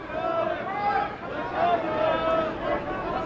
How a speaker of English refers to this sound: That one is hooking, and that one is a foul ball. Will anyone argue this one? Will anyone challenge it? And, of course, the crowd yelling at the umpires.